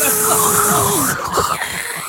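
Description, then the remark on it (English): A voice mimics a whirring dental drill with a sustained, steady whine that wavers and then slides downward, backed by a hissy high-pitched buzz for about two seconds. “Just the noise of that whirring of that drill.”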